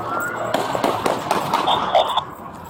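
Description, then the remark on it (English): A rapid, irregular burst of sharp gunshots, several cracks close together over about two seconds, against a busy outdoor background hum: police officers firing at a car during an officer-involved shooting in downtown Milwaukee on July 5th, from police body camera footage. “All right, we got shots fired by officers.”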